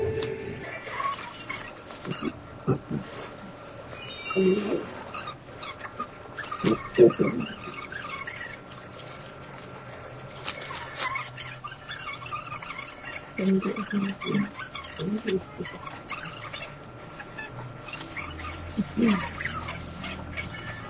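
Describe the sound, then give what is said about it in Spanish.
A marker squeaks and scratches across thick cardstock in intermittent strokes, drawing a chicken-versus-duck picture, with short bursts of drawing separated by brief pauses, fairly quiet and with no one talking. “pero ahora voy a hacer el mismo dibujo en la que parece cartulina. En esta. Pero yo escucho así porque es tipo cartulina, así que vamos a dibujar lo mismo.”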